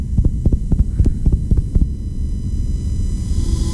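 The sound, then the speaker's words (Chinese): A fast, pounding heartbeat of a nurse who has just been shouted at, threatened and grabbed thuds in quick succession for about two seconds, then fades into a low, steady hum and rumble. No one speaks. “这是一位护士被大声吼叫，威胁，甚至被抓住之后的心跳声”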